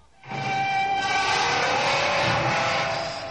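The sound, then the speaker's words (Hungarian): A door swings open with a loud, ear-piercing screech, a shrill, sustained squeal holding steady for about three seconds before easing off slightly, with no voices. “Fülsértő csikorgás.”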